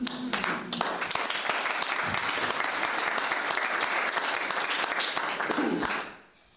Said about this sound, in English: And I think we all deserve a round of applause.